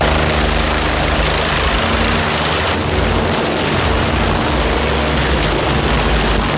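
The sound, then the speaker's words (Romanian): A mountain rescue helicopter flies by, its loud, steady rotor thrum and engine whine filling the air continuously with no voices. “Temperaturile mari afectează funcționarea elicopterelor și forțează echipajele de salvare să transporte mai puțin echipament.”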